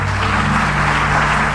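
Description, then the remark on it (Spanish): A crowd applauds God during a sermon, clapping steadily and loudly for about a second and a half, a dense, even patter with no voices, over a faint low hum. “Aplaude a Dios ahora.”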